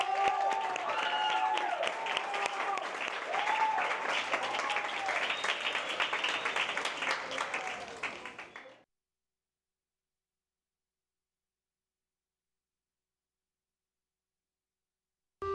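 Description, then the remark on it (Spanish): An audience applauds the tenth- and eleventh-grade students steadily for about nine seconds, a dense wash of many hands clapping at a fairly loud, even level before it cuts off abruptly into silence. “Así que un aplauso para todos ustedes.”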